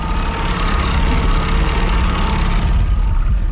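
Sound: motorboat engine running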